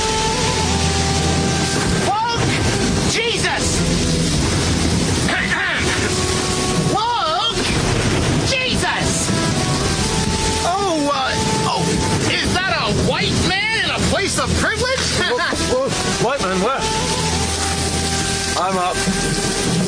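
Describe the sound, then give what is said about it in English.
Steady, loud rush of storm wind and crashing waves around a small boat, a constant roar with engine-like rumble beneath, while voices talk and call out over the noise. “Apologies for waking you, but the wind and the waves, they're overtaking our small little boat.”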